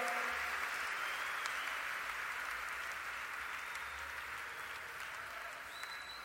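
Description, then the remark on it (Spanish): An audience at a Spanish-language church worship service claps their hands in a dense, sustained wash of applause that holds steady for several seconds and fades slightly near the end, with no voices standing out. “Con las palmas, con las palmas.”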